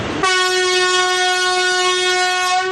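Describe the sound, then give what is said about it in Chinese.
A single long train horn blast, loud, holding one steady, harmonically rich tone for over two seconds before cutting off abruptly; the most common train whistle signal, used as a warning on departure sections. “一声长鸣是最常见的，多用于发车路段警示提醒。”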